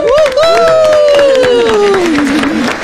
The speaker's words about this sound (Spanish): Y estamos listos porque este domingo está el gran estreno de Mira Quién Baila, la tercera temporada. Así que vamos a recibir a los presentadores, que muchas gracias por estar aquí, con un fuerte aplauso.